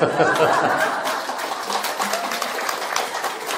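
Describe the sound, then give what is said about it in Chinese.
An audience at a talk claps together at the speaker's invitation, to rouse themselves from drowsiness: a dense, even patter of many hands lasting several seconds, with faint chuckles mixed in at the start. “这个鼓掌啊，就大家，哎呀，这个空气不好啊，又昏沉，哎呀，实在想睡觉又不好意思啊，所以鼓掌又提醒精神的这个作用啊”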